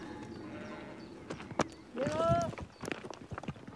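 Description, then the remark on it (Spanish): Sheep hooves tap and clatter irregularly and moderately loudly as the animals walk surefootedly along a narrow rocky path, with a brief tonal call rising in the middle of the steps. “Los animales pisan con bastante seguridad. Además, les hace ilusión reencontrarse con las demás ovejas.”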